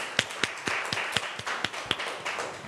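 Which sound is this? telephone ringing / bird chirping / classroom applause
classroom applause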